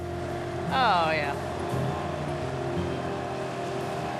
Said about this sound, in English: Even the boat's going through, with the engine going, it's still calm.